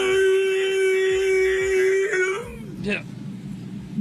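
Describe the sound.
On the a radio show, a voice imitates a T-Rex roar mating call to woo the ladies: a long, steady, mid-pitched droning note held for about two seconds, followed by a short, rough, breathy burst before it fades.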